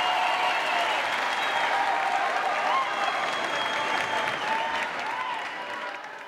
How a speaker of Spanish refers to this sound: ¡Fuerte ese aplauso!